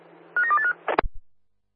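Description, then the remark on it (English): A quick run of about four short telephone keypad dialing tones, clear over a low hum, followed by a brief clunk before the line goes quiet. “Oscar 1, stand by for a phone call.”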